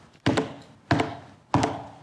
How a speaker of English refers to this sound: So they're eating and drinking, having a good time, and all of a sudden there's this knocking.